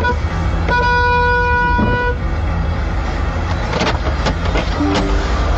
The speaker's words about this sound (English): Rolling back, and then the lady honks her horn and goes, oh, well, she's rolled back into me. I've got the audio here.